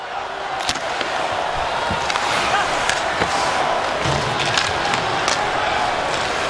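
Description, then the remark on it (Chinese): A steady, loud roar of an ice hockey arena crowd cheering on the home team fills the whole clip, broken by several sharp cracks and thuds like pucks and bodies hitting the boards. “现在现场的观众总算是给主队制造了一些声势。”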